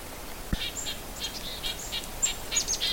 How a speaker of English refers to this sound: I'm in a little flock here, primarily of black-capped chickadees. You can hear that, yit, yit, yit. That's a red-breasted nuthatch. He's apparently traveling with his little flock.